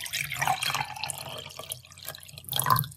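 Water is poured slowly into a large fish tank to top it up, splashing and trickling steadily, with small dripping and bubbling sounds, moderately loud, with no voices.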